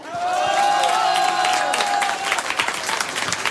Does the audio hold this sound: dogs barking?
no